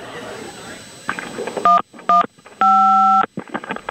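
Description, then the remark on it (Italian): Three loud, clear phone keypad beeps: two short presses in quick succession, then one long held tone, with muffled talking and background noise around them. “Avete sentito i tasti del suo telefono?”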